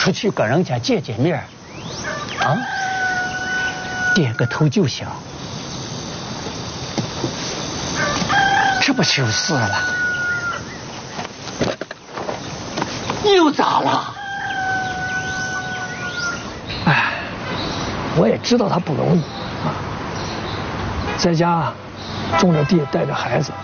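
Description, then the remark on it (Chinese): A rooster crows loudly three times, spaced several seconds apart, over a busy background of a flock of household chickens clucking and squawking in a farmyard, as they do every day. “我看嫂子挺能干的，是挺能干的，哦，养了四头猪，哦，八只羊，还养了一群鸡，还嘎嘎嘎，天天都是这样。”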